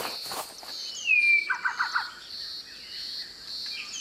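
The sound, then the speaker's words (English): A Bower's shrike-thrush, a small grey songbird with a fuzzy peach-coloured chest, sings from the ground among leaves: a bright descending whistle followed by a quick series of four or five chirpy notes, over a steady high insect drone outdoors. “Oh, that's a pretty song. Who is that? It's a small grey bird with a fuzzy peach-coloured chest.”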